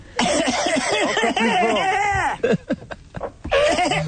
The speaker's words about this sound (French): Je tousse. Tousse très fort.